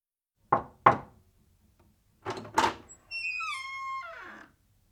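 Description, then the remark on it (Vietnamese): Two pairs of sharp knocks on a door, as when entering a room, with a brief pause between the pairs, followed by a long, high, wavering creak as the door swings open. No one speaks. “Ví dụ, đây là tiếng gõ cửa khi bạn vào phòng.”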